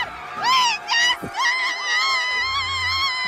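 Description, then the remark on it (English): A loud, high-pitched emergency alarm blares at a storage facility with a huge fire on its roof, starting in short rising bursts and then settling into a steady, wavering wail with rich overtones, with no talking over it. “I heard the alarms. The alarms were blaring.”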